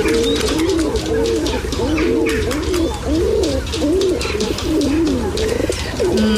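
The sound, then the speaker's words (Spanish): A flock of city pigeons coos continuously, overlapping throaty rolling calls, with a steady busy urban ambience underneath. “Esto suena a palomas, palomas de ciudad, ¿no?”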